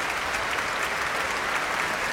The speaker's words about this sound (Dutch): Bravo geroep hier vanuit de zaal. En een staande ovatie.